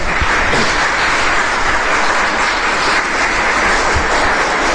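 A church audience claps for God during a sermon, steady and loud for several seconds, a dense, hissing wash of many hands with no pauses and no voices on top.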